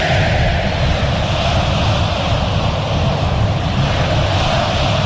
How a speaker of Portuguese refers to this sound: Opa, opa, opa aí. Torcedor corintiano faz uma enorme festa.